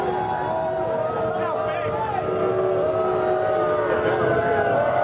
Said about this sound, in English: Donald Trump being lustily booed when he arrived at the venue tonight in New York. This was him being booed inside the venue when people spotted him during the national anthem.